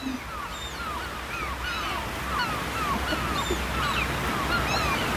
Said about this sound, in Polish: Co to za odgłosy? Tak. Co to takiego? Co tak szumi? Mewy. Mewy. I chyba coś jeszcze szumi.